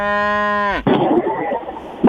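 A cow lets out one long, loud, steady moo that drops sharply in pitch at the end, followed by a rough, noisy rumble of background sound.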